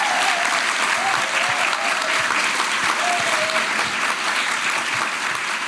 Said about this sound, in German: Ganz genau, der Applaus ist für Sie. Bravo und danke fürs Kommen.